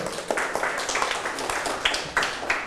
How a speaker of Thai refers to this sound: ปรบมือให้กลุ่มหนึ่งครับ